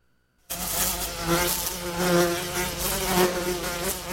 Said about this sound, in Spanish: A este mosquito le voy a cortar el pito.